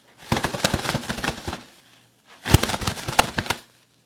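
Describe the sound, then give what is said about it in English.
Two bursts of rapid, crackly fluttering imitating bird wings flapping, each lasting over a second with a short pause between, fairly loud with no talking. “Yeah, so I'm going to create the sound of bird wings flapping.”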